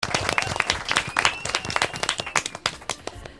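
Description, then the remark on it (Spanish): A group of children clapping loudly and rapidly, a dense burst of many overlapping hand claps, sustained for several seconds with a faint whistle-like tone running through it. “¡Fuerte aplaudiment!”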